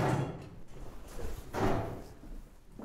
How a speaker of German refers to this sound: Hier kündigt sich eine geheimnisvolle Mechanik an. Hören Sie? Da hängt das Pendel. Und da wird jede Sekunde ein Zahn aufgefangen. Und das ist, was man hört. Das Herzstück des Turms.